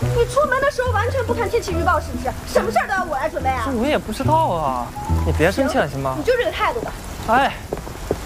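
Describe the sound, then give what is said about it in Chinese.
Steady rain hisses in the background, a continuous wash of falling drops sitting beneath voices that talk almost throughout, with a low hum underneath. “我从来没有那么希望这个雨一直下，一直下不要停。”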